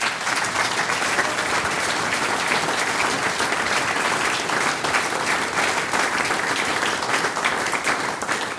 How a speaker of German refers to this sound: Liebe Damen und Herren, Sie haben den ganzen Abend lang so fleißig für uns geklatscht.